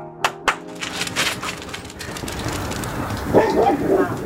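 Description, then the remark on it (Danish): Two sharp hand claps, then dogs barking repeatedly and excitedly as they run down through a garden near Teglovnsvej to scare away rooks and pigeons, the barks overlapping and continuing to the end. “du klappede med hænderne, og så løb dine hunde ned igennem haven.”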